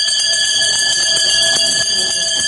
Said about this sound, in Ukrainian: Коли вже всі грамоти отримані, привітання сказані, у стінах Запорізької гімназії лунає довгоочікуваний останній дзвоник.